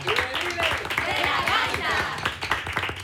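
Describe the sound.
A group applauds with steady, dense clapping for about three seconds, mixed with overlapping voices and high cheerful calls throughout.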